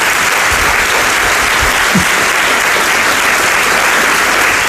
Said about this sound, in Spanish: aplauso para ella.